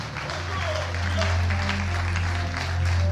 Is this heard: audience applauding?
yes